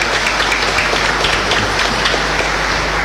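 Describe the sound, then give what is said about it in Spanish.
Steady applause from a crowd congratulating a man, a dense wash of many hands clapping continuously at an even loudness for the whole stretch, with no voices rising above it. “Muchas felicidades para él, fuerte aplauso.”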